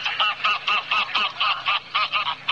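wild geese honking

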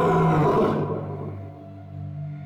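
lion roaring

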